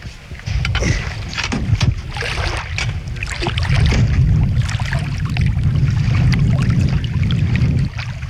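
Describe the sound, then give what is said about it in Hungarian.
Loud, steady wind blows outdoors by the water, a low rumbling buffet under a broad rushing hiss that swells slightly midway and carries on without pause, with no clear voices. “Fúj a szél, és lehet, hogy valami baj lesz.”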